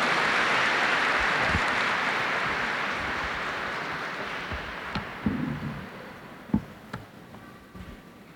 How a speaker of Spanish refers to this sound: Démosle una bienvenida calurosa con este aplauso.